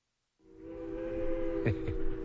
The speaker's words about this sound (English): There was a train whistle much the same as that that caused some wearisome years for my mama and started a lifelong love affair with trains.